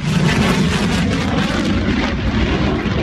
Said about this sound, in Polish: To symboliczne powitanie najnowocześniejszych samolotów bojowych w historii polskiego lotnictwa. Trzy pierwsze F-35 przyleciały do Łasku pod koniec maja, a dziś wykonują uroczysty przelot nad najważniejszymi miejscami w kraju.